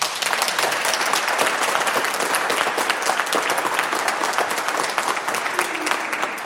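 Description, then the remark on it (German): An audience at the Seniorenzentrum am Rüschebach in Unna applauds steadily, a dense wash of many hands clapping at an even, fairly loud level that holds throughout, with no one speaking over it. “Ja, das sind doch schon mal gute Hände, die man da hört.”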